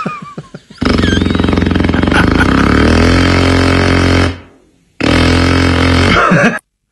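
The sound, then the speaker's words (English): A person imitates with their mouth a power drill, like neighbors drilling at 7 a.m.: a loud, buzzing whir that runs steadily for several seconds, stops briefly, then revs up again for a second burst. “Neighbors drilling at 7 a.m.”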